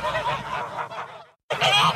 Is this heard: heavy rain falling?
no